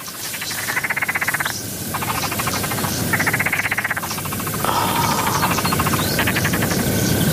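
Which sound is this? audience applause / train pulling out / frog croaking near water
frog croaking near water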